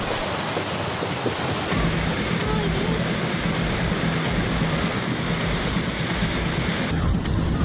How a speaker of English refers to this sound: Saudi Arabia. Torrential storms brought flash floods, hail and strong winds from April 11 to 13, forcing schools and universities online across the country.